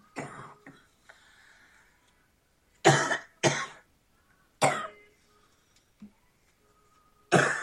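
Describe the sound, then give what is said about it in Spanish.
A person coughs repeatedly in loud, harsh bursts, with a few quieter throat-clearing sounds and pauses in between. The coughs sound hoarse. “Reprendo esta tos.”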